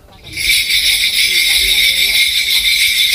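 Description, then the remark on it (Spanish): A dense cluster of bells jingles continuously after a brief quiet start, shaken steadily in a loud, bright, shimmering wash that stays even throughout, during a Korean shamanic ritual called gut. “Pues parece que llega Papá Noel, ¿no? Sí, para el trineo.”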